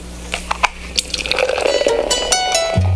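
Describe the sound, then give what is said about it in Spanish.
Liquid is poured into a glass over ice, with a few sharp clinks at first, then a steady gurgling stream whose pitch rises as the glass fills. “Primero sirvamos algo con hielito, ¿vale?”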